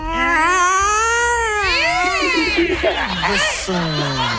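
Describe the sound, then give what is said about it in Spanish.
A person imitates cats yowling at night, drawing out long wailing meows that slide up and down in pitch, loud and continuous, then breaking into shorter whiny cries with a bit of laughter near the end. “Hay mil gatos que están ahí rondando por la casa.”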